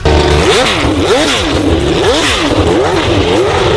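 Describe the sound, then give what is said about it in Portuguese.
A loud Formula 1 racing engine screams and revs as the car accelerates, its pitch climbing and dropping in about four quick sweeps over a constant roar, with no voices. “E a gente começa acelerando!”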